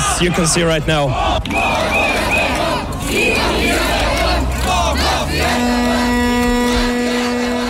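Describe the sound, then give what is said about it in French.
A street protest crowd, marching around 8 p.m. toward the offices of Delian Pivski's party, chants "When Pivski falls, I don't want to be underneath" in loud, overlapping voices with a steady rising and falling cadence, while a sustained droning hum enters toward the end. “Dans le cortège, on chante « Quand Pivski tombera, je ne veux pas être en dessous, sinon il tombera sur moi »”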